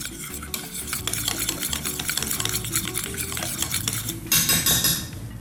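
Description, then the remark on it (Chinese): Continuous stirring of a thick frying batter of crispy-fry flour and a little water in a container, mixed until even, with steady rhythmic scraping and clinking of a utensil against the sides, fairly loud, ending in a brighter burst of scraping. “好，搅拌均匀。”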